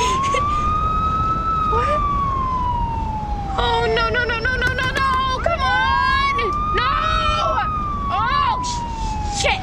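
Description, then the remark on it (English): A police siren from a Louisiana State Trooper's car pulling Tree over on a dark, empty highway wails in long, slow rising and falling sweeps, breaking midway into rapid yelping warbles before returning to the wail; loud throughout, with a steady background rumble. “Tree pulls to the side of the road and a police car parks behind her.”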